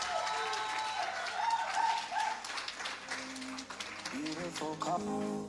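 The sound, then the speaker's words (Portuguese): An audience in Mozambique applauds steadily for about five seconds for the newly chosen first King of Mozambique, a dense, even wash of clapping, with high tonal cheers or whoops rising over it near the start and again toward the end. “Mais uma vez, uma forte salva de palmas, por favor.”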